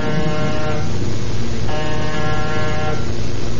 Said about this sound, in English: Name's on the door. And push the buzzer. Okay.